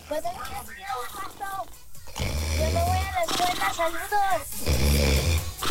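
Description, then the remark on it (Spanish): Two loud, rasping human snores, each lasting about a second, with voices talking before and between them. “Es que quita los ronquidos. Ya, no se oye.”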